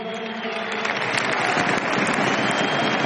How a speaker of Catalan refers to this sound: Al públic que l'ajuda quan no pot seguir amb aquests aplaudiments per animar Robert Lewandowski.